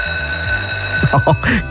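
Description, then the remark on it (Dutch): A school bell rings for the first time in the new school year, on Tuesday 1 September, in one steady, unbroken electric tone, fairly loud throughout, while voices start up underneath it in the final second. “Dus nog heel even en die eerste bel van het jaar zal klinken, hè?”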